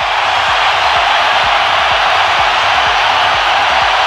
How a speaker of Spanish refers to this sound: Invitan a la gente a gritar. A ver a qué grado llegan los decibeles.